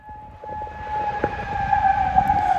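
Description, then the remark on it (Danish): Air raid sirens wail steadily in a sustained, droning tone that rises slightly in loudness, over a low rumble of background noise, with no voices; alarms sounding around the region in the early morning after Iranian Revolutionary Guard missiles were fired at US military bases in Bahrain and Kuwait. “Og det fik altså så alarmerne til at lyde rundt omkring i regionen.”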